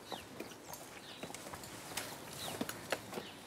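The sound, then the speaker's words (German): Irregular hollow hoof clops from a cow climbing steep steps, scattered and fairly quiet, with faint birdsong in the background and no talking. “Normalerweise würde keine Kuh freiwillig eine steile Treppe hochlaufen.”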